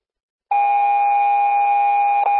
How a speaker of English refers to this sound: Fontana Fire roll call. And Fontana tone alert. Respond to fire alarm.